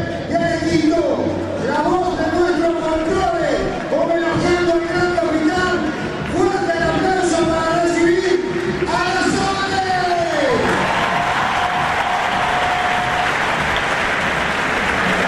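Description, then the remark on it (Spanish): A huge stadium crowd in Santa Fe applauds and cheers on a magnificent night as a singer is announced onto the stage, a loud, unbroken roar, with a voice carrying stepped tones over the noise that swoops downward before the clapping and shouting surge on. “Vamos a recibir con un fuerte aplauso en este escenario, en esta magnífica noche de Santa Fe.”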